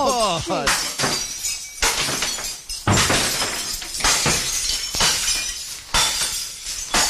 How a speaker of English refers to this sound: Get to the crockery room, mate. It's good crockery. I want to hear some smashing in there. Okay, here we go.